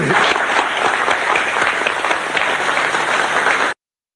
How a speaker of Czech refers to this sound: Tak já myslím, že si zasloužilo potlesk.